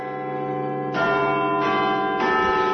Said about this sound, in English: The sounds there of Big Ben